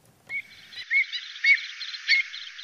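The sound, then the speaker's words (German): Ground-nesting wading birds, avocets, redshanks, lapwings and oystercatchers, call repeatedly on open grassland on the Darß, sharp piping notes rising every half second or so over a steady chatter of other birds, clear, with no voices. “Säbelschnäbler, Rotschenkel, Kiebitze und Austernfischer. Auf dem Darß leben viele Vogelarten, die auf dem Boden brüten und streng geschützt sind.”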